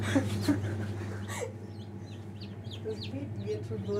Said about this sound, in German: Dieses Piepen, was man hört, von hier vorne, das ist das Ei. Hör mal. Stimmt. Das piept da drin schon.